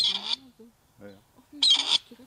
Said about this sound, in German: Dann könnte der Ruf des Rebhuhns künftig auch an mehr Orten in Deutschland wieder regelmäßiger zu hören sein.